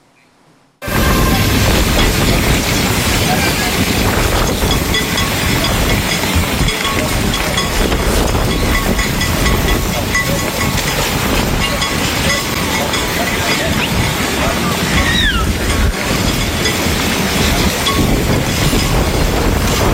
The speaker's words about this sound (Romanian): o furtună de nisip a alungat turiștii de pe plaja din Eforie Nord. Salvamarii spun că nisipul a fost ridicat în aer de vântul care a suflat cu putere dinspre mare spre uscat. Județul Constanța era la acel moment sub cod galben de vijelii.